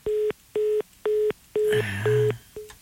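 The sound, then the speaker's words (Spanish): A phone line's busy tone after a dropped call, steady beeps repeating in an even on-off rhythm, with a brief burst of muffled voice and handling noise mixed in near the end. “Ya se le cortó.”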